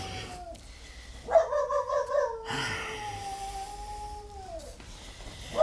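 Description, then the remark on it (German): A dog barks at night in a quick run of sharp, yappy bursts, then stretches into a long, wavering howl-like whine, with no talking. “Dieses Hundevieh, das kläfft einen ja in Grund und Boden hinein.”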